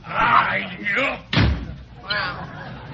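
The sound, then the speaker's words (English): A door slams shut once with a heavy thud midway through, between stretches of voices talking. “Hey, closing the door kindly.”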